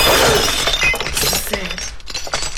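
Drinking glasses shatter with a loud crash, followed by a scatter of sharp, high-pitched tinkling shards that clatter and settle over a couple of seconds.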